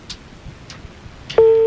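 Another telephone number being dialed: three soft, evenly spaced keypad clicks, then a loud, steady electronic telephone tone sets in and holds to the end. No one speaks.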